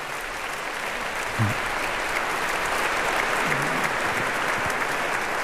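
A crowd applauds steadily for two figures of the Bohemian Heritage Fund, a dense, even wash of clapping that holds at the same loudness throughout, with no one speaking over it.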